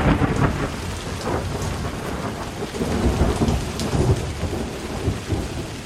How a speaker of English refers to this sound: It had become pitch dark. The air trembled with lightning. Thunder and horrible cries for help from the drowning people.